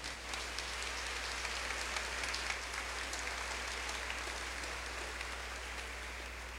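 A steady round of applause from a crowd, dense clapping that holds at an even, moderate level for several seconds with no voices rising above it.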